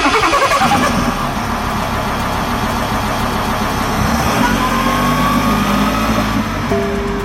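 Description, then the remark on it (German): A large diesel bus engine cranks and starts with a brief sputtering burst, then settles into a steady, loud low rumble of idling, with no voices. “So, lass uns den Bus mal anschmeißen, oder?”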